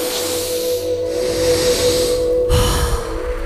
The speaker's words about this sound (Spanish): Está bueno respirar, ¿no? Respirar y exhalar por boca. Una vez más. Boca abierta.